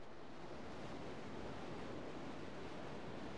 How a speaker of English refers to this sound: Back to the sounds of the ocean and such, and the lecture.